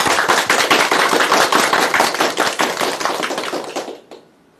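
An audience claps steadily for about four seconds to welcome a professor who will demonstrate a poetry recitation, a dense crackle of many hands at an even loudness, then the applause quickly dies away into near silence.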